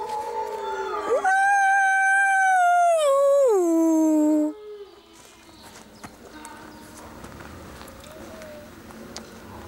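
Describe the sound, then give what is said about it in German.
A wolf lets out a loud howl lasting a few seconds, holding steady before sliding down in pitch, then quieter rustling and low scuffling sounds follow as the wolf Schildo bites the wolf Lobo over the snout. “Er beißt den Lobo über die Schnauze.”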